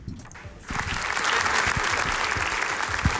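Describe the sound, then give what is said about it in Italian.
A crowd of people from Friuli breaks into sustained applause to welcome the authorities, including President Mattarella and Premier Giorgia Meloni, as they arrive at Gemona, Italy, for the 50th-anniversary commemoration of the 1976 Friuli earthquake. It is a dense, steady wash of clapping that swells after a brief quieter start and holds loud throughout. “Un lungo applauso dalla gente del Friuli accoglie le autorità all'arrivo a Gemona”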